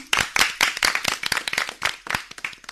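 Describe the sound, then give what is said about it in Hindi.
A burst of enthusiastic applause from a small quiz-contest audience, dense overlapping claps rising and falling steadily for a few seconds, fairly loud, with no talking. “तो फिर जोरदार तालियां हो जाएं।”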